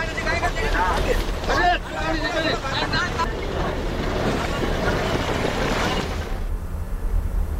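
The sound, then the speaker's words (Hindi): Agitated voices call out over steady wind and splashing water outdoors as five fishermen are pulled out of a sinking boat with ropes thrown from another boat, a busy commotion on open water that continues throughout before the crowd noise drops off near the end. “Video में देखा जा सकता है कि दूसरी नाव से रस्सियां फेंक कर मछुआरों को डूबती नाव से बाहर निकाला जा रहा है।”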